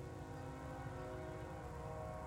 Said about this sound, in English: Sometimes the train rolling through Sunbury, Pennsylvania on 3rd Street, just one block away, sounds like it's pulling up to the house.